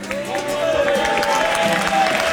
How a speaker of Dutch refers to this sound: Zullen we dan gewoon heel hard zijn naam roepen? Want dan komt hij misschien wel door die deur daar. Roep maar.